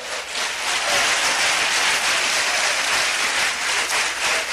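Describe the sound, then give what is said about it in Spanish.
An audience applauds for Christ during an evening sermon, steadily for several seconds: a dense, even wash of many hands clapping at constant loudness with no voices standing out. “Indíquelo con un fuerte aplauso a Cristo esta tarde.”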